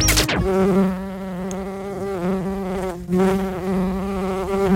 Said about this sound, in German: Na, Biene? Sa, Biene.